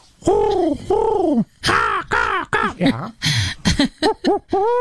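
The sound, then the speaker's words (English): A voice imitates a string of bird calls: drawn-out coos first, then quicker rising and falling chirps and whistles, about a dozen loud calls in rapid succession with short gaps. “I don't know if you hear all those birds at the same time.”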